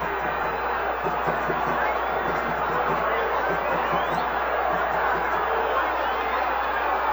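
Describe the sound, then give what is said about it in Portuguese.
A large stadium crowd at Vila Belmiro in Santos, Brazil, boos and shouts in protest at Santos Futebol Clube at the end of a 0-0 Copa do Brasil round-of-16 first leg against Remo; a loud, dense roar of many voices that holds steady for several seconds with no single voice standing out. “Vaias, cobranças, protestos, esse tem sido o Santos Futebol Clube ao longo dos últimos anos.”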